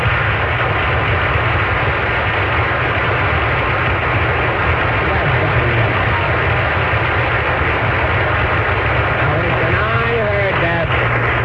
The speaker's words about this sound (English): That disturbance outside. Now, whoever's manipulating that foghorn in here has got to cut it out.